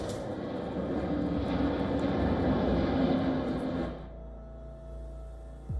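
A loud fighter jet roars steadily for about four seconds, then cuts down to a lower, fainter engine drone. No voices are heard.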